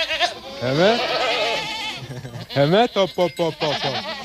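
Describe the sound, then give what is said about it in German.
Several goats on a goat farm in Hungary bleat loudly, starting with a long wavering cry and followed by a quick run of shorter, quavering bleats overlapping one another. “Und durch einen glücklichen Zufall wurden wir Ziegenbauern.”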